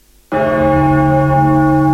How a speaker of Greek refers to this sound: Πένθυμος ερχόταν ο αχός από τις καμπάνες που χτυπούσαν μέχρι το αντέρισμα που πολεμούσαν ακόμη οι αντριωμένοι.